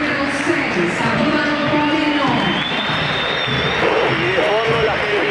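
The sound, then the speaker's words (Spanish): A large football stadium crowd roars steadily as players' names are announced, with scattered whistles, some aimed at Moreno, rising and falling over a dense wash of cheering, applause and shouting voices throughout. “Sí, algunos silbidos para Moreno.”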